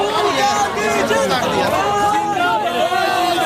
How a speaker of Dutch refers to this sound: Lang leven Rahul Gandhi, roepen ze hier. En lang leven de revolutie. Ik hoorde net zelfs ergens We Love Rahul Gandhi.